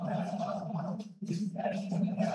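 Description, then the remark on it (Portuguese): A dense mass of Internacional football fans cheering, chanting and celebrating a partial result at the arena, a loud, sustained roar of many voices that briefly drops off midway before surging back. “Aí a torcida do Internacional, faceira com resultado parcial aqui na arena, fazendo festa.”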